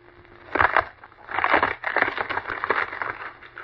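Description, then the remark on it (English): A log almost 2 feet in diameter is broken with bare hands: a sharp, loud burst of cracking wood, a brief pause, then a longer run of dense splintering and crunching crackles that tapers slightly toward the end as it shatters into splinters. No one speaks. “He shattered the log into splinters.”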